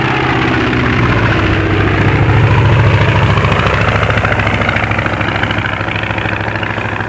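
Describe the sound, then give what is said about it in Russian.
A low-flying An-2 airplane, working for a collective farm, drones loudly overhead: its engine gives a steady throbbing roar with deep humming tones that swells briefly and then slowly fades, with no voices present. “Самолет! Вот он! Вот! Ой, как низко летит. Ну, совсем над нами.”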